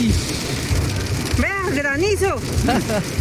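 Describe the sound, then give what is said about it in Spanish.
A steady, dense hiss of a heavy rain downpour pours down throughout, with a person talking over the constant downpour partway through. “Pero no, mentira, sí se siente ahí que está el aguacero poderoso.”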